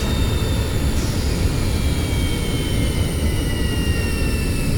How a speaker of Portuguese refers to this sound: O avião não pode levantar voo.